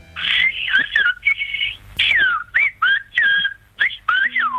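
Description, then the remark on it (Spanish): Silbo gomero, the whistled language of a Canary island, used to bridge distances between its mountains: a loud human whistle forms a quick series of short phrases with rising and falling pitch glides and brief pauses, with no one talking. “El silbo gomero lleva siglos salvando las distancias entre las montañas de la isla Canaria.”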